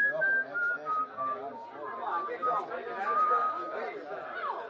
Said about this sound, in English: I get up and I'm making for the door when I hear it. And then I remember I've been hearing that whistling right along and didn't notice it.